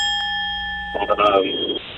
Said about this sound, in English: like to hear the bell.